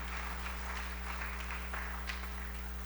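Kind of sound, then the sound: crowd, audience applauding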